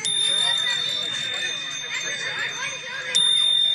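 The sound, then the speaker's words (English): Dozens of bicycle bells ring at once at a biking event, everybody ringing their bell, in a dense, continuous jangling chorus, bright and fairly loud, with a faint murmur of a crowd underneath; recorded on an iPhone. “And one thing that bikers do during these things, the first time I ever noticed, I've done it several times, is just everybody ringing their bell.”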